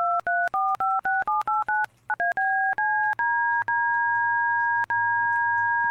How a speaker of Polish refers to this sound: Ma kilka presetów od do tonów DTMF. Trochę dość cisza, bo to się chyba przesterowuje.